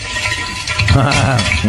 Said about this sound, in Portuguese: Ah, esse é barulho de ovo fritando. Bem louco. Estourou o ovo.